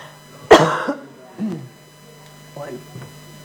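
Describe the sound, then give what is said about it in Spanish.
A woman coughs sharply and loudly close to the microphone, followed by a few smaller coughs and throat sounds trailing off, with a steady low hum underneath. “apagamos el micrófono de …, que está con tos”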